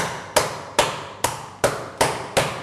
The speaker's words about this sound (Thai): ทำไมเราถึงเอากระดาษมาเพราะว่าหลายๆท่านเนี่ยไม่มีค้อนทุบเนื้อที่บ้านนะครับถ้าไม่มีค้อนทุบเนื้อที่บ้านเอาอันนี้ลงนะครับแล้วก็หา อะไรก็ได้ที่สามารถทุบได้ใช่ไหมคะ หม้อได้เลยครับตี